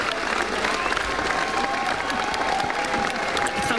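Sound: standing ovation applause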